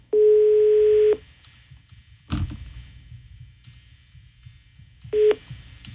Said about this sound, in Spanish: Está sonando el teléfono de la señora rata. Digo, a la señora que no devolvió el dinero.